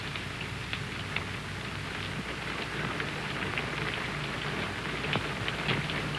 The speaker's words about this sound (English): It's only the rain. I hate the rain. I like it. I'm afraid of the rain.